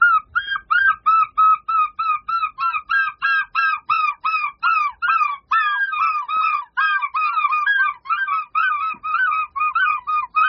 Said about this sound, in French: C'est le goéland argenté, donc c'est une espèce qui voit ses effectifs plutôt augmenter, c'est une espèce qui se porte bien, et qui va dans les terres la journée, et qui le soir rentre sur la baie de Somme pour aller dormir, sur les bancs